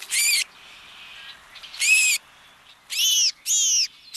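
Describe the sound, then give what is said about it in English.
A house finch at its nest gives five loud, high, buzzy calls in quick, slightly uneven succession, with a faint hiss between them and no voices. “Although the American crow may seem rather blasé about pillaging another bird's nest, like that of this house finch.”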